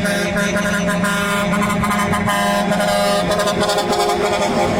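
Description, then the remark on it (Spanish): A loud novelty musical car horn of a type used in Mexico blares a brassy, multi-note tune, its notes stepping through a melody for about five seconds without a break. “Y yo creo que una de esas cosas que solamente pasa en nuestro México mágico es este tipo de claxon.”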